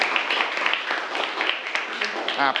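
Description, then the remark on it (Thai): A group of students in a class claps steadily at the teacher's invitation for a classmate's answer naming the female reproductive organs, a dense, even patter of many hands lasting a couple of seconds, with a voice briefly rising over it near the end. “นักเรียนคิดว่าถูกไหมถ้าถูกก็ปรบมือให้เพื่อนเลยครับ”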